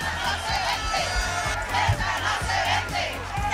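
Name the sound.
demonstrators chanting slogans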